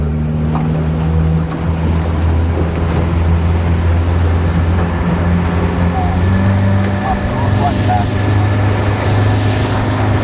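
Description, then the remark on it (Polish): A powerful 60-horsepower outboard motorboat engine roars steadily as the boat starts off at full throttle on the Madeira River, its deep droning hum shifting pitch as it speeds up, with rushing water and wind noise around it. “zaraz łódka odpali na całego.”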